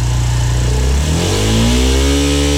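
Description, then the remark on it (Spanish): A Suzuki DR160X motorcycle engine runs loud, rumbling steadily before revving up partway through, its pitch climbing and holding at a higher drone. No voices are heard. “Miren, y así suena la DR160X.”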